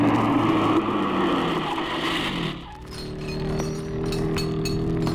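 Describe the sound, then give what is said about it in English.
A race car pit stop after the 8th lap: a roaring engine settles into a low idle while metallic clinks and clanks of tools ring out as the helpers change a tire and refuel the car. “So you'll get gas while they change your tire.”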